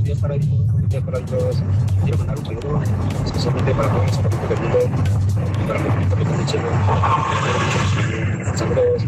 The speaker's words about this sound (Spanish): Había mucho ruido. Sí, había mucho tráfico